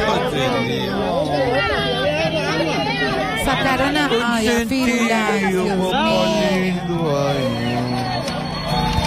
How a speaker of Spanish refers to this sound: Lo logran sacar, y en medio de los aplausos, ¿no?